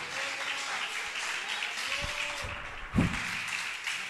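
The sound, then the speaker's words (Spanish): An audience applauds Jesus at a morning church service, a dense wash of many hands clapping steadily at an even level, with a few sharper claps and a brief louder burst near the end. “Denle ese aplauso a Jesús en esta mañana.”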